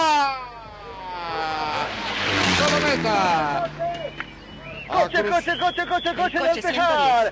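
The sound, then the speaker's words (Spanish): A rally car races toward the finish line in light rain with its engine screaming and rising in pitch, then roars past and revs hard in quick bursts as it slows, loud. “Tenemos coche a la vista, coche a la vista. Atención, viene el coche de Ledesma.”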